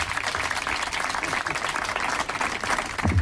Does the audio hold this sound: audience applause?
yes